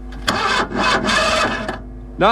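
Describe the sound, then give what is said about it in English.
A car engine cranks over in two loud bursts, churning without catching or starting, on a car stuck about 2 miles from Ballineen, followed by a brief voice sound at the end. “I'm stuck out here, about 2 miles from Ballineen, and I can't start the car.”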